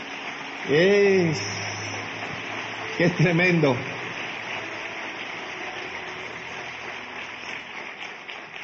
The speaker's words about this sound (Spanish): Alguien que le dé un aplauso al Señor por eso.